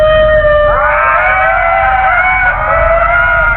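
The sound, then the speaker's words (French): Ring-tailed lemurs give long, wavering wails that rise and hold in overlapping, ghostly tones. The wails are loud over a steady low rumble, with no talking. “Leurs cris ressemblent à des bruits de fantômes.”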